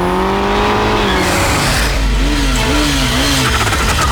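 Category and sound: vehicle, car engine revving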